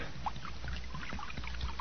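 Acid pours steadily from a jug with a continuous gurgling splash, fairly loud, lasting the whole moment with no voices over it.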